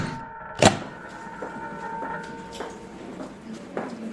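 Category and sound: household object, door slamming shut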